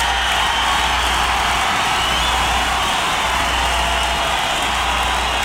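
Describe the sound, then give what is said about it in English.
A live concert crowd cheers and applauds in a loud, dense, unbroken roar that holds steady for several seconds, with no clear voices standing out. “Listen, I want to tell you you've been a dynamite audience, and you deserve to give yourselves a round of applause.”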